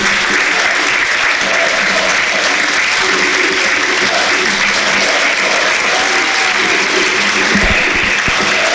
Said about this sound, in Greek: Αλλαγή για τον Παναθηναϊκό. Έξω Τετέι, μέσα ο Πάντοβιτς. Τετέι χειροκροτείται.